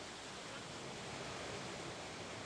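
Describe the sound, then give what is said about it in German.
Water from a brook rushes steadily through a canal onto the mill wheel of the Alte Dombach paper mill in Bergisch Gladbach, a dense, unbroken roar of flowing and splashing, with no pauses and no voices. “Das Wasser vom Bach wird durch einen Kanal zum Mühlrad geleitet.”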